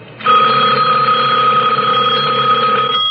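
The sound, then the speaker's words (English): A telephone bell rings steadily and loudly, starting abruptly after a brief quiet moment and holding a bright, sustained metallic tone for about three seconds with no voices. “The sudden ring of the telephone startled me.”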